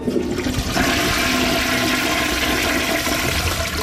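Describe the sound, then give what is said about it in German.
A toilet in the newly finished DLRG club house in Büren is flushed for the first time after 80 hours of building work, with a loud, steady rush of water that roars continuously for several seconds, with no talking over it. “Und jetzt erste Mal die Klospülung.”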